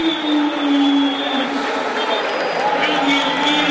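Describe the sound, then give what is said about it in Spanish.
A stadium crowd at a Vélez football match in the Torneo Clausura roars in a steady, loud ovation as two-goal scorer Ronaldo Martínez is substituted off, a dense unbroken wash of cheering voices with a faint sustained tone running through it for the whole stretch. “Se va Ronaldo, escuchá la ovación.”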